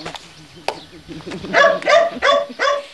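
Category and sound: animal, dog barking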